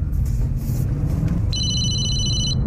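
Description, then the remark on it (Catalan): A telephone rings once with a bright electronic warble lasting about a second, cutting in clearly over a steady low rumble like a running car engine. At 2:55 in the afternoon, Pavón receives a new call from Picatoste's phone, recorded on Mossos d'Esquadra phone-tapping equipment. “A les 2:55 del migdia, Pavón rep una nova trucada del telèfon de Picatoste i aquest cop sí que respon.”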